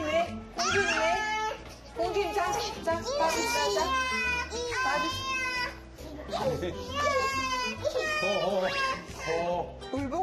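A baby cries loudly in long, wavering, high-pitched wails, repeating in bursts with brief catches of breath between them for the whole stretch.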